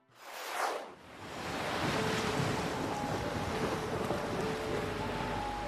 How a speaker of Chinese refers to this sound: 这一天下午，呼啸的海风卷起海浪，远处天边黑云不停地逼近